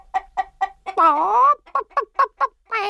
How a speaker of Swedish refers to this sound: Nej, kacklade hönan.